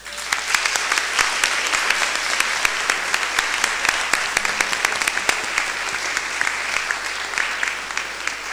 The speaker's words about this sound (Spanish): A María y también a las mamás, démosle un aplauso.